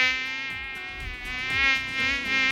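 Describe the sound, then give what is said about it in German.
An Asian tiger mosquito's high, whining buzz drones steadily with dense harmonic overtones, swelling and fading slightly in loudness as it hovers, with no voices present. “Die asiatische Tigermücke.”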